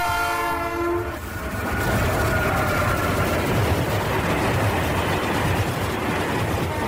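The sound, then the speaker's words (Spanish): A train rolls loudly along railroad tracks, its steady rumble and clatter filling the scene after a brief horn blast at the start. No one speaks. “6 de mayo, 146 años del primer recorrido del ferrocarril en el estado de Sonora.”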